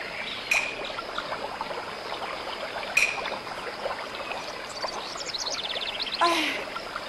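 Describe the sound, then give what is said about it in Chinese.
A mountain stream flows with a steady, even rushing wash throughout, while a few sharp bird chirps and a short trill ring out over the water. No one speaks. “这山上除了鸟叫声和流水声，没有孩子的哭声啊。”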